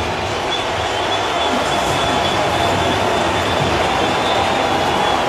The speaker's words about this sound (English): Oh, you can hear those Hawkeye fans. Let's go, Hawks.